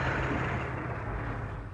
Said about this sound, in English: I heard your car coming up the drive.